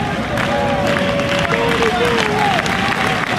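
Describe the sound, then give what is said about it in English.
A baseball stadium crowd of Eagle fans roars and shouts in a steady, loud wash of noise at a game against Auburn, urging on pitcher Sanders and pleading for a challenge, with scattered clapping and a few voices rising above the din. “The fans are pleading for a challenge.”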